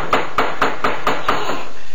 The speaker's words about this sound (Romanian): Când numai ce auziră cu toții, plin de groază, bătăi în ușa peșterii.